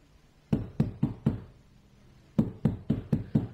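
Two clear rounds of knocking on the door of flat A, 9th floor, unit 2, building 12, whose doorbell is broken: four sharp, evenly spaced raps, a short pause, then five more. Fairly loud, with no voices.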